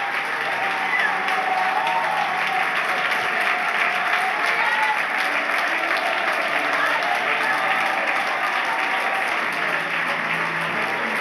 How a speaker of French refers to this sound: Est-ce que l'on peut applaudir le roi des rois, le seigneur des seigneurs ? le Dieu de gloire ce matin.